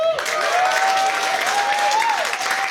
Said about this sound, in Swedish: Jag ska bara berätta att husbandet sitter på plats. Jag vill gärna ge en applåd för dem, kapellmästare Anders Julin.